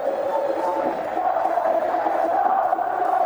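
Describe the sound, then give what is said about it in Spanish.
A large football stadium crowd roars in sustained disapproval of the players at a match on a wet pitch in drizzle, a dense, steady wall of shouting and jeering voices that holds at a loud, even level throughout. “Bueno, se levanta la hinchada. Ahora sí. Con gritos, ¿no? Sí, sí, hubo un reproche generalizado.”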